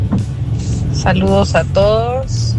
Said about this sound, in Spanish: para poder escuchar mientras vamos por acá en el tráfico.